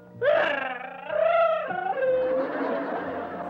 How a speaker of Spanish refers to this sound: Chavo, Chavo, ¿tú sabes por qué está llorando Kiko?